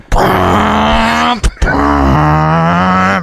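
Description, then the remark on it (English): A voice imitates a V8 car roaring past: a loud, growling engine drone in two sustained bursts split by a brief gap, the pitch rising and falling. “All of a sudden, a V8 car drove past.”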